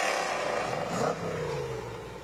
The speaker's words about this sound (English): There's Riley Bay and his 65 Cobra. Sounds good. Looks even better.